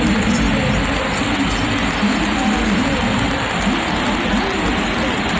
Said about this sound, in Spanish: Una ovación que él ha agradecido, gracias a España, la afición del Sánchez Pizjuán ante esta leyenda del fútbol mundial.